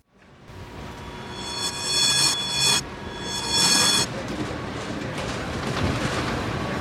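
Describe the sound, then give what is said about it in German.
A train rumbles steadily in a station, with bright metallic wheel squeals rising in two sharp bursts partway through before the rolling noise carries on to the end. “Fabian bedankte sich und ging zum Bahnhof hinüber.”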